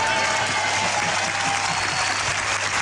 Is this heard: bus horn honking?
no